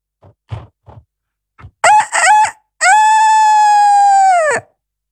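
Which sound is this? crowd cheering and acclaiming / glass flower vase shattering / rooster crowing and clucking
rooster crowing and clucking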